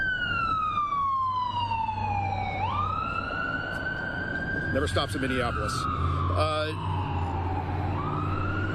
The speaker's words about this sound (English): Sorry, ambulance.